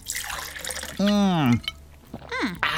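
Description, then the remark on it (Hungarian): Someone takes a gulping, watery sip of fresh water, then lets out a loud, satisfied sigh-like vocal exclamation, followed by a shorter sound of relish. “Áj, de finom, friss víz.”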